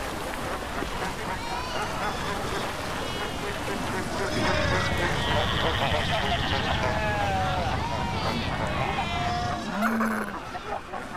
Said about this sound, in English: South Africa's Roburg Peninsula. Thousands of Cape fur seals gather here to breed.